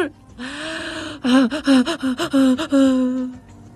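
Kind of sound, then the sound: human body sound, anxious gasping breaths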